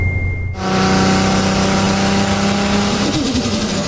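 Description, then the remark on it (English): A taxi car pulls up with its engine revving loudly, a steady harmonic drone that rises after a quiet start and shifts pitch near the end. “Gotta go, my cab's here.”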